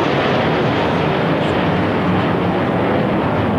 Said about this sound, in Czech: při slavnostním pochodu na konci piety pak nad Vítkovem přeletělo 5 armádních letounů.